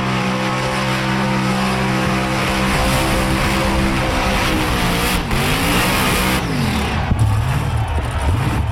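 A car doing a burnout: a loud, steady roar of spinning, screeching tires with the engine revving underneath, its pitch wavering up and down toward the end. No one speaks.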